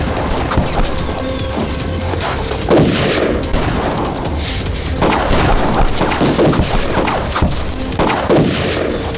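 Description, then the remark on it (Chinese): Repeated gunshots crack out at irregular intervals amid a loud, dense background of booms and rumble, sounding like one shooter firing sporadically rather than sustained automatic fire. “听他的枪声，应该只有一个人。”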